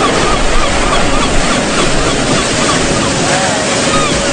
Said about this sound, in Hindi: ऊंची नीची लहरें मेरे चारों तरफ उठती जाती हैं। चांद हमारे साथ साथ चलता है और हवाएं सीटी बजाती हैं।